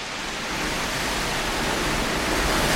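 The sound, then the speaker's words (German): Storm wind roars in the middle of the night in a steady, unbroken rush of noise that grows slightly louder over a few seconds, with no voices or distinct individual sounds. “Jacqueline, hörst du den Sturm?”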